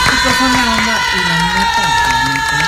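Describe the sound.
A crowd applauds and cheers for a guest on a programme in a steady, loud wash of clapping and shouts that holds for a few seconds, with overlapping voices running through it.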